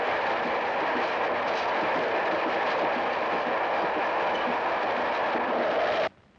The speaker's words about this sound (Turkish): Aa, şimdi karşı yola tren gelir. Ben ona bineceğim.